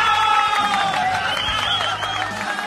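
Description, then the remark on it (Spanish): A crowd applauds and cheers loudly and without a break, with sustained high-pitched shouts or whistles ringing over a dense wash of clapping for a few seconds, applauding the boys being greeted. “Aplauso para los chicos.”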